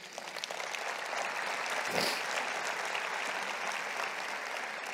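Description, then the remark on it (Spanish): An audience applauds steadily as an applause for the Lord, a dense wash of many hands clapping at an even, sustained level for several seconds, with no speech over it. “Un aplauso al Señor.”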